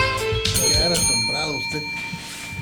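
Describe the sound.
A bell rings with a sustained, shimmering metallic tone that lingers for a few seconds, while a person talks over it.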